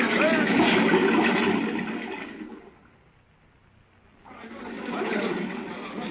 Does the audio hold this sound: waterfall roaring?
yes